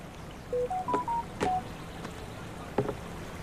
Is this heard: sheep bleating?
no